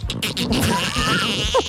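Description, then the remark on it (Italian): A person imitates parakeets with a burst of raspy, squawking noises, then a wavering whistle-like warble ending in a couple of quick, high chirps, all fairly loud and lasting under two seconds. “Mi fai l'imitazione dei pappagallini, per cortesia?”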